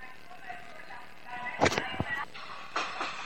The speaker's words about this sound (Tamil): இது என் ட்ரெயின் இல்ல, இது நிறைய பேர் போற ட்ரெயின்.